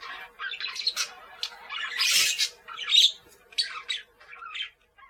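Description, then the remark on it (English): Green parakeets squawk and chatter in quick, harsh bursts, one call overlapping the next in a busy flurry with no voices present. “He has green parakeets who pick holes in his suit.”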